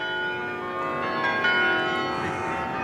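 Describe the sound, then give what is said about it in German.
Many carillon bells ring together in Utrecht, Netherlands, a city known for its world-famous carillon, in a dense, sustained wash of overlapping tones, steady and fairly loud throughout, with no voices present. “In Utrecht, Niederlande, der Stadt mit dem weltberühmten Glockenspiel, kulminiert das Problem.”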